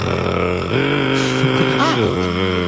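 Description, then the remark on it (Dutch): A continuous, mechanical-sounding churr from a European nightjar, steady and fairly loud, like a small purring engine that shifts pitch a couple of times as if changing gear. “Heb je een ezelsbruggetje voor de nachtzwaluw? Ja, hij klinkt eigenlijk een beetje als een motortje.”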